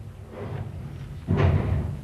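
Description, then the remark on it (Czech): A heavy door, closed by a doorkeeper on command, slams shut with a single deep, booming thud partway through, its low rumble lingering briefly before fading. Quiet room noise comes before it. “Přede mnou dveře zavřít, to mě, českému pánu, kterýž je pod ochranou římského krále, i to”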